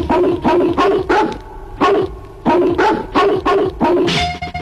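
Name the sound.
dog barking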